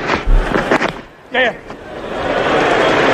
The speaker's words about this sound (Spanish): Así suena primero el lanzamiento de la bola. Uh-huh. La gente aplaude en la grada.